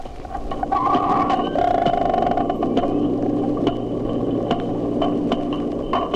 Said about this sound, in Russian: Сейчас четыре дельфина изучают микрофон, который опустили в бассейн. Они обходят его со всех сторон, удаляются, приближаются. Чтобы понять, как действует локатор дельфинов, попробуем замедлить запись для начала 8 раз.